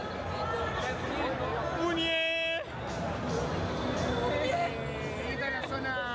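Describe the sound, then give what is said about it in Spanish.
A crowd shouts and chatters at a person standing up above them, in a constant, dense roar, with one sustained high-pitched yell rising above the din around the middle before the noisy hubbub carries on. “Está la gente acá gritándole a la muñeco.”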